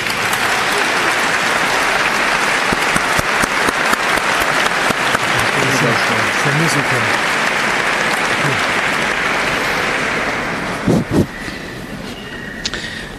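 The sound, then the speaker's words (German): A large audience claps loudly and steadily for about ten seconds in thanks to the band, choir and orchestra, a dense wash of hands that thins out near the end, followed by a few scattered sounds. “Einen kräftigen Applaus bitte.”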